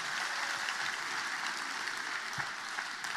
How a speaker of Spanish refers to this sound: Dale un aplauso más al Señor.